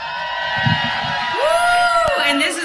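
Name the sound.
audience cheering and whooping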